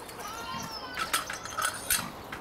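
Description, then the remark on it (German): Mini pigs at Hagenbeck, in hot, dry weather, give three short, high squealing bursts in a row, over a steady background hiss with faint whining tones underneath. “Also Schweinchen, alles ist gut.”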